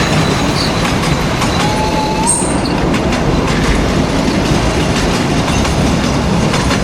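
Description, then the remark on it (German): An old train rumbles and clatters steadily over rail tracks, a loud, continuous rolling noise with dense low-end rumble and a brief faint wheel squeal partway through. “Na genau, so hört sich das an, wenn ein alter Zug über die Gleise tuckert.”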